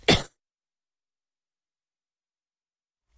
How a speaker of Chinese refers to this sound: 抱歉，有点咳嗽哈。